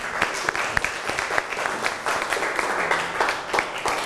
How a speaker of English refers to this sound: Very good. Clap your hand for your friend.